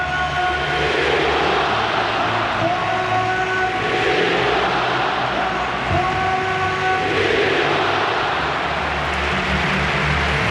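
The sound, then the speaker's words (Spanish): A football crowd at the Estadio Metropolitano applauds and cheers Antoine Griezmann as he comes out onto the pitch, a steady, dense roar that swells slightly at times, with faint sustained tones like horns or chanting woven through it and no talking. “Los aplausos.”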